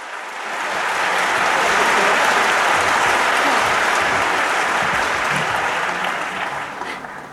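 A large concert audience at the Royal Albert Hall applauds steadily, a dense wash of clapping that swells in over the first second, holds loud and even, then tapers slightly at the end.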